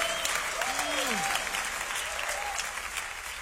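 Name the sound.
audience applauding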